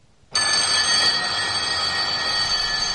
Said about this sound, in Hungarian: Hajnalban, amikor a hálóteremben megszólalt a 2 csengő örjöngő ébresztője, bizony szívesebben vettem volna Bognár tiszthelyettes ordítása helyett az otthoni gyengéd nógatásokat, az álomból való szelíd felcirógatást és a forró teát, a kész reggelit.